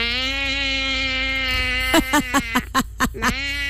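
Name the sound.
sheep bleating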